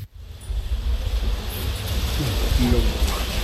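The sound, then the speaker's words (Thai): Wind gusts buffet the microphone with a heavy, low rumbling roar that swells steadily louder over a few seconds, with a faint voice barely audible in the background. “ฝนจะตกหรือไงหรือฝนจะตกหรือไงลม”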